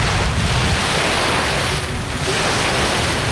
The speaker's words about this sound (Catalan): Aquí no sé si sentiu el so de l'aire, a veure, de les onades... Pots posar el so del mar? Fem sí, tabassa, a veure... Tanquem els ulls, això és el mar.